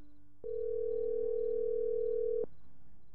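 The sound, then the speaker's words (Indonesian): One steady electronic telephone ringing tone sounds for about two seconds while calling someone's mother at night, clear, with only a faint low hum around it and no talking. “Telepon ibu ah.”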